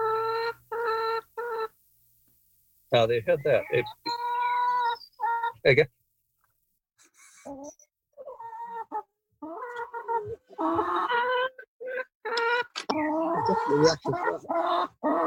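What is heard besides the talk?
chickens clucking and calling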